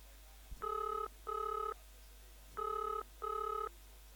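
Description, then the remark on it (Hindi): A telephone ringback tone sounds over a radio call-in program's phone line as a listener's call connects: two short double-pulse rings, each pair a steady electronic buzz, repeating with a pause between, clear and fairly loud with no one speaking. “तो आइए शुरू करते हैं आज का ये कार्यक्रम और देखते हैं कौन श्रोता इस समय टेलीफोन लाइन पर हैं।”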